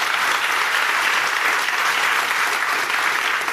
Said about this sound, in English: So please, a round of applause for Dr. Chervinsky.